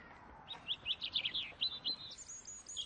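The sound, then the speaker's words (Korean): A European robin sings a rapid series of high, thin warbling phrases, a quick run of bright twittering notes with brief pauses, clear over a soft background hiss and no voices. “유럽 울새.”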